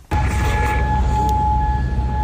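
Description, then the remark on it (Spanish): An air raid siren in Kuwait sounds a loud, sustained, steady tone after an Iranian missile and drone attack on US bases in the country; it starts abruptly and holds throughout, over a low rumbling outdoor background with no voices. “Así suenan las sirenas antiaéreas de Kuwait tras el último ataque iraní con misiles y drones contra bases estadounidenses ubicadas en el país.”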